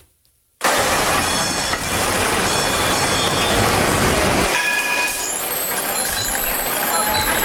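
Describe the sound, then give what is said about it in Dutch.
A city tram rumbles past, loud and steady, with high metallic wheel squeals ringing out toward the end as the low rumble fades. “Ja, je zei het geluid van mijn jeugd. Dat moet een tram zijn.”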